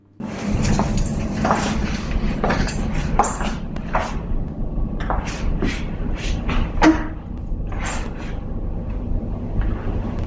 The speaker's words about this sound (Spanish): Vamos a ver si sois capaces de apreciar y de oír esos, se oye como unos pasos y como después como si se colocara una silla, este ruidito de una silla, ¿vale?